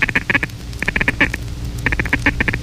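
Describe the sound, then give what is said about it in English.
A duck call blown in the feed call, made by repeating the words 'dugga, dugga, dugga' into the caller: a rapid chatter in three quick bursts of short, reedy clucks with brief pauses between, loud, with no voices. “After ducks are between 100 and 200 yards from you, mix the greeting with the feed call, which is the third essential call. Repeat into your caller the words dugga, dugga, dugga.”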